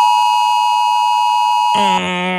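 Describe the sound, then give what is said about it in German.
A loud, harsh electronic warning tone from a mobile phone emergency alert on the warning test day in Baden-Württemberg, a steady beep that abruptly shifts into a shriller, buzzing multi-tone blare near the end, with no voices. “Es klingt nach Alarm. Ja, ziemlich kalt, sehr sachlich. So ein Warnton”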